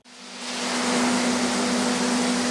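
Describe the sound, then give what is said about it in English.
Thousands of macadamias rumble and rush through processing machinery in a packing shed surrounded by North Queensland sugarcane fields, a loud, continuous wash of noise with a steady low mechanical hum running underneath. No voices. “The loud rumble of thousands of macadamias echoes from a packing shed surrounded by North Queensland sugarcane fields.”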